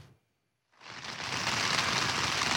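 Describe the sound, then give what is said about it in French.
Heavy rain pours down in a dense, steady hiss in the Montpellier region of southern France, where it has rained very hard without a break for over two hours; it starts abruptly after a brief silence and keeps going without letup, loud. “Cela fait maintenant un peu plus de 2 heures qu'il pleut très très fort ici sur la région de Montpellier.”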